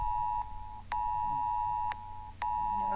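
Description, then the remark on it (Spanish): A Senapred emergency alert tone warning to avoid the Guatulame river banks over a rising-river alert in the commune of Combarbalá, heard at 3:25 in the afternoon: a steady, piercing electronic pitch held almost continuously, broken by a few brief dropouts with sharp clicks, over a faint low hum and no talking. “Ahí estamos escuchando entonces la alerta a esta hora de la tarde, cuando ya son las 3 de la mañana, 3 de la tarde con 25 minutos.”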